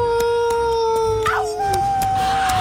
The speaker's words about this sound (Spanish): Nos trasladamos hasta el viejo oeste. El sol cayendo a plomo, un calorón. Los coyotes aullando a lo lejos.